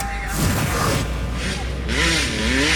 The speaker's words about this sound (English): To the dirt bikes revving in the streets.